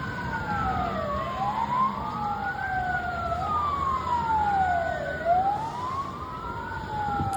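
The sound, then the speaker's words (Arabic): Ambulance sirens wail continuously, two overlapping tones sweeping up and down over a low traffic rumble, steady and fairly loud throughout with no voices; ambulances in the Gaza Strip carrying the dead and wounded after a strike on a house in Nuseirat refugee camp to Al-Aqsa Martyrs Hospital. “ونقلت سيارات الإسعاف جثمان الشهيد والجرحى إلى مستشفى شهداء الأقصى الحكومي وسط القطاع.”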